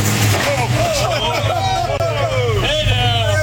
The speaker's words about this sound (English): He and his attorney tried to avoid the press as they left the federal courthouse, even crashing into the car parked in front of them.